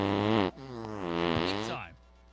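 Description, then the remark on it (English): A caller's long, buzzy birthday fart comes through a phone line, loud, its pitch wobbling up and down for about two seconds before cutting off into quiet. “I want to fart on Chris for his birthday.”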